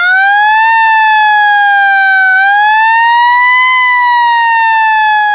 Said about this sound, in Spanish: Yo sé que la sirena es un estruendo que por ahí nos saca del clima que habitualmente tenemos en el programa, pero hoy permítanme hacer sonar esta sirena, que es la sirena que van a hacer sonar los bomberos voluntarios